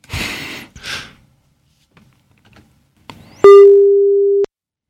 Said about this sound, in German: Immerhin klingelt es. Das ist toll.